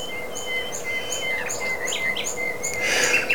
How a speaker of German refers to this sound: Vogel der Woche.